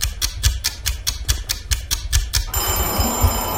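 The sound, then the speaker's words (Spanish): A vintage bell marking the end of a 7-second voting countdown rattles with rapid, evenly spaced metallic strikes for a couple of seconds, then settles into a steady, bright ringing tone that hangs on to the end. No voices. “Qué bonito suena el timbre este vintage que tenemos.”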